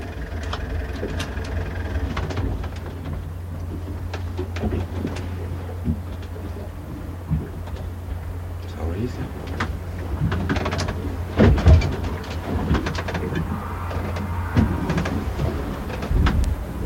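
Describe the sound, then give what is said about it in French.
A motor boat's engine runs steadily on the water, a deep continuous rumble under scattered knocks and clanks, with no voices. “Vous voulez qu'on souffle le moteur là?”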